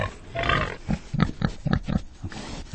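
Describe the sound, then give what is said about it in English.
A pig lets out a short squealing oink, then a run of quick, low grunts, about six snorting pulses in an uneven rhythm, moderately loud with no talking. “Pig! Okay, pigs, listen up.”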